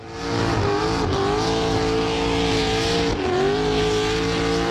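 A loud, continuous roar of a car engine held at high revs at a burnout competition in Alice Springs, with a broad hissing screech of tyres burning rubber throughout and two brief dips in pitch as the engine surges again.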